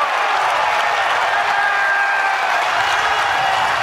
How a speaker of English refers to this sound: Crowd coming to their feet. They want a 1-2-3 inning in the top of the first.